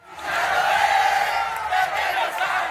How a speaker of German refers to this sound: Das Spiel ist abgepfiffen, die Fans der argentinischen Mannschaft kommen aus dem Jubel nicht heraus, als die zwei Nationalspieler Lisandro Martinez und Giovanni Lo Celso einen mutigen Schritt gehen.